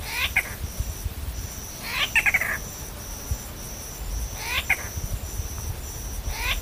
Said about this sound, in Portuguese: Sabe por que tem esse nome? É que uma das suas vocalizações pode lembrar um miado de gato.